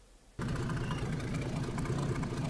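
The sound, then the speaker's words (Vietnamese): Fishing boat engines rumble steadily in early morning at the Sông Đốc estuary as boats dock one after another after a fishing trip, a loud, continuous low drone with a chugging throb that starts abruptly after a brief quiet moment, with no voices. “Sáng sớm tại cửa biển Sông Đốc, tàu cá nối nhau cập bến sau chuyến biển.”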